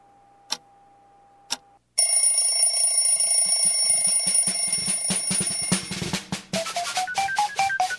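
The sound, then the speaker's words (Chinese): A radio time signal marking four o'clock: two short ticks, then a loud, sustained electronic beeping tone with a rapid pulsing rhythm, ending in a quick run of rising and falling chime-like notes. No one speaks. “下面音响四点零分零秒。”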